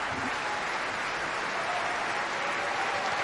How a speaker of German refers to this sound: Großer Applaus also heute hier für Nabucco bei Staatsoper für alle. Sie hören es, was hier drin los ist.